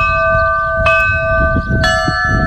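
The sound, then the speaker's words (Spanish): Church bells in Lerín, near Pamplona, Spain, ring out loud during a solar eclipse so that visually impaired people can follow it, two sharp strikes about a second apart, each leaving a long, shimmering metallic hum that lingers over a low rumbling background. “Y así han sonado las campanas en Lerín, Pamplona, para que pudieran seguir el eclipse las personas con discapacidad visual.”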